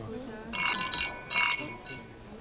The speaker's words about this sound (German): Lass uns anstoßen. Trinken wir.